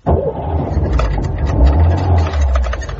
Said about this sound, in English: They climbed into the old Ford Zodiac. It grunted at them sullenly and rattled its ashtrays.